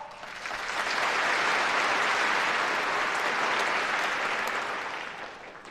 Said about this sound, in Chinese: 那么接下来我们以热烈的掌声有请肖总讲话。